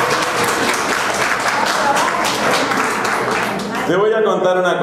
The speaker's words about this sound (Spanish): Ese es el único aplauso que no me gusta. No, por nada contra ustedes.